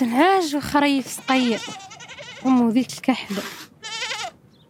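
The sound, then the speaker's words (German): Several sheep or goats bleat in quick succession, loud, their wavering cries overlapping with brief pauses between calls, in pens built from scrap metal on a sandy hill by the houses, on a hot mid-March day that feels like 30 degrees. “Die meisten Familien hüten heute noch ein paar Schafe oder Ziegen.”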